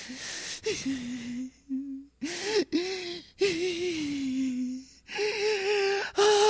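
Someone crying: a series of drawn-out, wavering wails broken by sharp gasping breaths, fairly loud and continuous, with no talking.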